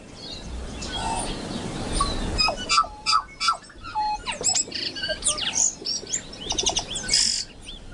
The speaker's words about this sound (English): The birds. The birds most of us see every day if we're lucky enough in the case of Tui. Urban birds in our cities and towns.